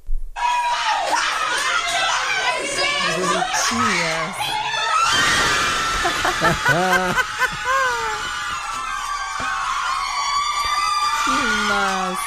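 A group of nuns erupts in loud, high-pitched cheering and screaming, with excited shrieks and laughter overlapping in a sustained burst of celebration for the Brazilian national football team's second goal.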